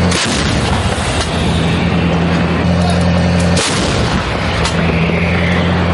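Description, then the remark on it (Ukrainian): A 155mm Paladin self-propelled howitzer fires shells toward enemy assault groups, with a few booming blasts a few seconds apart over a constant loud engine rumble and hum; no talking. “Так працює 155-й калібр «Паладіно».”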